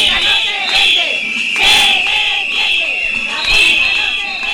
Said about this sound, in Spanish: Gritos, abucheos y lemas de la escuela pública no se vende, y aquí están los de las camisetas. Más de 200 manifestantes recibían al presidente de Aragón,